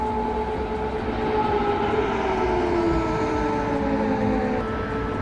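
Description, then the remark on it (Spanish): Air raid sirens in Kyiv wail continuously during an air attack, several sustained tones overlapping and slowly drifting in pitch, holding a steady, loud level throughout with no voices. “Así sonaban las alarmas, las sirenas.”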